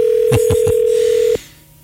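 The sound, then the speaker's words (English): A steady telephone dial tone hums while three quick dialing presses click through it as a radio show calls a guest to put him on the air, then the tone cuts off with a final click, leaving faint line hiss. No one speaks. “So we're going to see if we can get in touch with him right now and put him on the air.”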